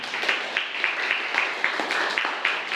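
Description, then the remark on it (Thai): A group of students claps together for a classmate's answer during a science lesson on solutions, in steady, dense applause, with sharper individual claps popping out at a fairly even rhythm throughout; no one speaks over it. “ก็นักเรียนปลายทางนะครับก็ฟังคำตอบของเพื่อนไปแล้วปรบมือให้เพื่อนหน่อยครับนักเรียน”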